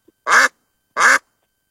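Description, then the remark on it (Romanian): A duck quacks twice as the answer in a game of guessing animal sounds. The two calls are loud, raspy and nasal, of similar length and separated by a short silence, with no other sounds around them. “Rața. Avem un punct.”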